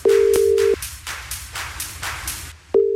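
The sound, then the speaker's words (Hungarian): A steady telephone ringback tone sounds once, falls silent for about two seconds, then starts again as a radio host calls back a contest winner, with a rhythmic, hissy music bed pulsing underneath throughout. “Nála csörgök, már is őt hívhatom vissza, és esélyt kap a nyereményért.”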